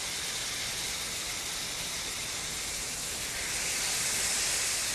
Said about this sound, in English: Okay, it is sizzling. Oh, that smells so good. So it looks like the bottom of it has browned. So I'm going to flip it over.